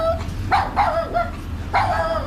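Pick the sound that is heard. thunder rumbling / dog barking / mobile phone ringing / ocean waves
dog barking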